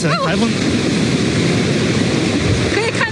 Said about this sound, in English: was reporting along the coast of Taizhou in eastern China when she was almost swept off her feet by a storm surge as the typhoon made landfall.